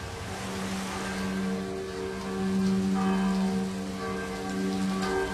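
Steady autumn rain, driven in gusts from the south, hisses across a surface, swelling briefly in the middle as a gust passes, with a low droning hum running underneath throughout; no voices. Setting: off Preko, Croatia, seen from a boat.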